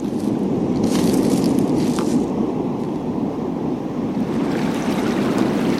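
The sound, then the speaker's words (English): Loud, steady roar of sea surf crashing below a cliff, a dense continuous wash of breaking waves with gusts of wind buffeting the microphone; no voices. “We've arrived at the cliff. Look at the sea. Its energy is deafening.”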